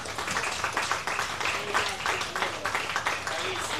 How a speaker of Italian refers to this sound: Per questo bisogna fare un grande applauso a PGK, appunto un grande applauso.